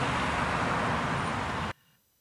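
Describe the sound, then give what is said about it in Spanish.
A dense, steady roar of busy Buenos Aires street traffic fills the air for under two seconds, then cuts off abruptly into near silence. No one speaks. “Alejandro Rebocio, en medio del frenético tráfico porteño, gracias por estas informaciones”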